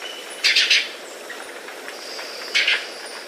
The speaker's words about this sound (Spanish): Pese a su nombre, come frutos, flores e insectos. El trino del guayabero ocre forma parte del Banco de Sonidos de Aves Colombianas, recopilado por el Instituto von Humboldt y la Universidad de Cornell.